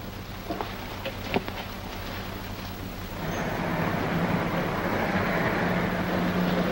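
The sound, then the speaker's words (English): A police car rolls very slowly past outside the house, its low engine rumble and tyre noise swelling halfway through and holding steady, with a couple of faint knocks early on and no siren. “there's a police car passing the house, and it's going very slow.”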